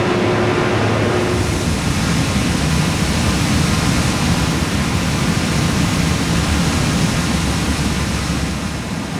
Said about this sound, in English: You're going to look down at the raw sewage and all the other things that are floating on the top of the water from all the wastewater that's coming into the plant right now.